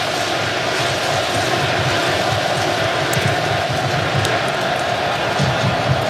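A stadium crowd at a football match roars to give the team a lift, in a steady, dense wall of noise that holds at an even loudness for several seconds, with no clear voices standing out.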